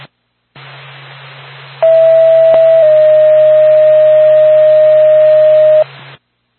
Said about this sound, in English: Star back to Lancaster Hamlin, stand by for tone.